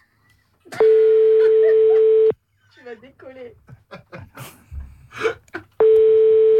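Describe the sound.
A phone line rings with a long, steady electronic tone that cuts off, then starts again after a few seconds as a call is placed again. In between, a person speaks briefly with audible breaths.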